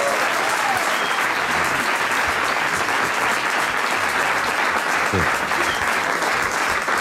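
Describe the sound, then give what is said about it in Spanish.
Steady, dense applause from a sizable crowd fills the whole stretch, loud, with clapping sustained evenly throughout and no clear voices standing out. “Un aplauso para”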